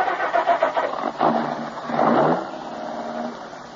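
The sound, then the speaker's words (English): A car engine cranks with a quick run of rhythmic pulses, catches with a short rising rev, then settles into a steady idle, moderately loud with no voices. “I glanced at her closely for a moment, then started the car.”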